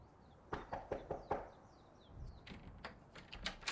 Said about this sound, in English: Here we are, at the professor's cottage. The light is on. Is it? Oh, yes, it is, isn't it? I hear someone inside. Knock on the door, Spaulding.